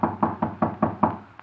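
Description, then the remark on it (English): A quick series of about six firm knocks on a wooden study door, evenly spaced, with a faint final tap trailing off; clear, no voices. “Shall I knock now?”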